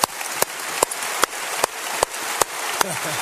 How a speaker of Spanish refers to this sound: Póngase de pie. Y cuando se vea en la pantalla gigante, denles un aplauso de bienvenida a nuestro público de televisión.